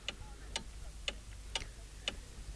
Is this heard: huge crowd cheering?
no